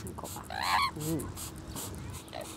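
An Amazon parrot, about to be cleaned with water, lets out a loud, harsh call, a squawk that breaks into a second, lower-pitched note, then fades into quiet background noise.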